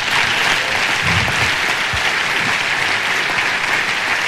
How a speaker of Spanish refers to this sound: Y eso merece un aplauso a Dios.